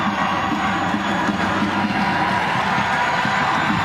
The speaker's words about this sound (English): Sixth corner of the match. Crowd trying to will the Royals on this corner.